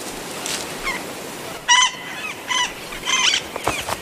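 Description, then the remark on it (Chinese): A flock of parrots calls in a flurry of harsh, high, squawking bursts as the birds fly to a female tree and perch on its branches. Several calls overlap and repeat unevenly over about four seconds, with a faint steady hiss underneath and no talking. “当鸟儿们飞向雌树栖息于枝头时，无意间为新结的球果完成了授粉。”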